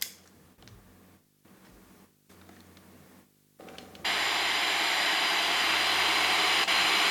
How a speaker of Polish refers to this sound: Jak słychać, odbiornik się włączył w trybie FM i sobie szumi. Strojenie w paśmie FM reaguje w taki sposób.